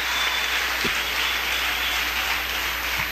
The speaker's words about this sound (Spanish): Dale un aplauso fuerte a Jesús, hermano, porque el diablo no puede con nosotros, ¿verdad?